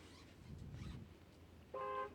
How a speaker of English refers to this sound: We want to hear your car horn. Let's hear the car horn.